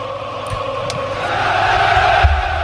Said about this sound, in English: The crowd cheers and applauds them.